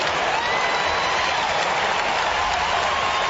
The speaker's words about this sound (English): It's day, and the crowd are out of their seats with their enthusiasm for the young Hawk who, with the man on the mark about 48 metres out, goes back to line them up and to just provide Hawthorn with unbounded joy in this game.